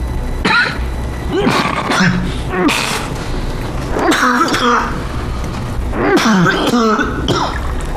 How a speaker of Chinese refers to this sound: 最近咳嗽越来越厉害了，明天我安排你去趟医院。